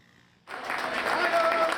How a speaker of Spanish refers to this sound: Entre aplausos han recibido familiares y amigos a los 40 miembros del equipo de emergencia y respuesta inmediata de la Comunidad de Madrid que han regresado a España.